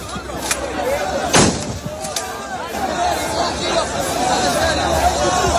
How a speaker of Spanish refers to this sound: policía tuvo que actuar con disparos disuasorios al aire y acabó por desalojar la zona. No disparan balas, aclaremos, es material antidisturbios. Mira, este es el sonido.